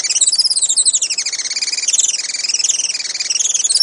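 A Juan Fernandez firecrown hummingbird, a species found only on Robinson Crusoe Island, gives rapid, high-pitched chittering calls in a continuous, pulsing stream, fairly loud, with no voices present.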